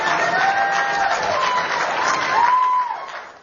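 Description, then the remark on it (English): An audience claps steadily, a dense wash of applause with some cheering voices rising over it, holding loud for about three seconds before tapering off. “I remind you, let's not have clapping in between because we want to get to all these questions, and the clapping is going to kill our time.”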